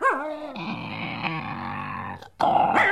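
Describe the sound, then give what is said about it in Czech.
A bear growls loudly, a rough, wavering snarl that rises and falls for about two seconds, breaks off briefly, then returns in a harsher burst. “Medvěd, koukni, Žery.”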